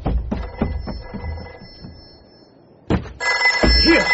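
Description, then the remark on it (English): A telephone rings steadily upstairs while heavy thumps and knocks sound, then the ringing grows louder and harsher near the end, with no voices. “Right. The phone. Where did I leave the phone? Upstairs. I'm coming.”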